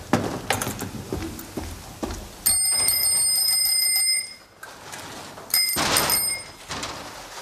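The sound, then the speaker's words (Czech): Bicycle bells are tested, ringing out in two sustained bursts, each a bright metallic trill lasting over a second, with a brief pause between them and some light clicking and handling noise beforehand. “Já jsem vedoucí, já zkouším zvonky.”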